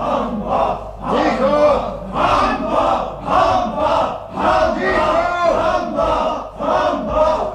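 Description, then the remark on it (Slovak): A crowd of male prisoners in a prison shouting and yelling together in a continuous, chaotic uproar as executions approach, voices overlapping loudly in rising and falling waves with no clear pauses. “Vyvádzajú a kričia, že sa už nedá s nimi vydržať.”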